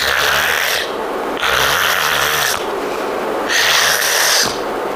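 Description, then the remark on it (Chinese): A voice imitates the feigned snoring of two men pretending to sleep: three long, loud, raspy snores in a slow steady rhythm, each followed by a softer breathy pause, with no talking. “俩人倒这儿了，赵壁在这儿躺着，施世伦在这边挨着，开始打呼噜。”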